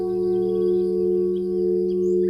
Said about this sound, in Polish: I w tym momencie pierwsze, co cię budzi, słyszysz takie sprzężenie w głośniku. Organizm się uczy, że zanim padnie ten pierwszy dźwięk, to ty już biegniesz do okna zamknąć to okno.